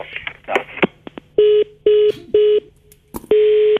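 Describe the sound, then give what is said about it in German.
A cut-off phone line followed by redialing: a few clicks and rustles, then four loud, steady, mid-pitched dial beeps in an even rhythm, the last one longer, with no talking. “Unsere Leitung war jetzt irgendwie unterbrochen.”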